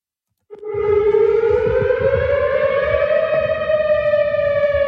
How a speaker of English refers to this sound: And that was a weather siren heard on the Western University campus last evening when a tornado warning was issued after a powerful line of storms moved through.